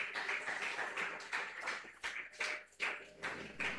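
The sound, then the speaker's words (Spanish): A crowd at a Pentecostal church gathering applauds steadily to welcome the women's choir of Iglesia Pentecostal La Cosecha del Pasaje Sur, many hands clapping in a dense, bright wash with a few louder bursts, no voices over it. “Y los presentes los recibimos con fuertes aplausos para el Señor Jesús.”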